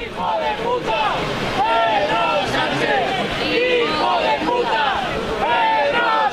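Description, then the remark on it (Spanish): A large crowd chanting, jeering and booing at the President of the Government of Spain, many overlapping voices rising and falling in loud, steady waves of shouting that continue without a break. “Son las lindezas, los cánticos, los abucheos al presidente del Gobierno de los que se autoperciben como muy patriotas, que han decidido que tienen a bien lanzar estos cánticos contra la persona que representa a la presidencia del Gobierno de España”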